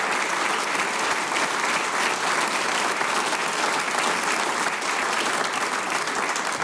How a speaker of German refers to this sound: Ihr kriegt einen großen Applaus, weil das, was ihr macht, ist ganz, ganz super.